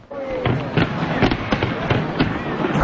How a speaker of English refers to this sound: A spectacular fireworks show on the water was the peak of a promotional stunt that included a powerful light display turning the CN Tower into a pillar of ice. Thousands of fans gathered downtown to await the release.